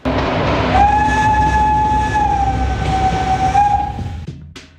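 A Bulgarian State Railways (BDZ) passenger train rumbles steadily along the rails, loud, while a long sustained horn blast sounds for several seconds before fading out. No one speaks.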